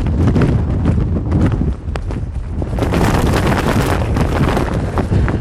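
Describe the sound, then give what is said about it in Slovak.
Near-gale wind roars and buffets right against the microphone while a jacket hood flaps rapidly and irregularly, loud and continuous for the whole stretch, with no voices, on a mountain trail descending from Krúpovo sedlo. “Toto robí vietor s mojou kapucňou.”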